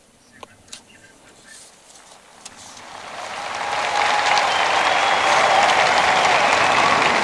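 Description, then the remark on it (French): A large crowd of Portuguese-speaking pilgrims, some showing the Brazilian flag, bursts into applause. It starts with a few scattered claps and swells over several seconds into steady, dense clapping that fills the space, with no talking over it. “Et les pèlerins de langue portugaise applaudissent et certains montrent leur drapeau, le drapeau brésilien.”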